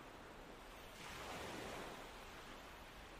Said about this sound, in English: sitting on a beautiful, deserted beach. The tide is slowly coming in.